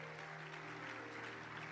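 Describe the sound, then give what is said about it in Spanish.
A church audience claps together, applauding God during a sermon, in a steady, dense wash of applause that holds at an even level throughout, with a low hum underneath and no voices standing out. “Dale un aplauso a Dios.”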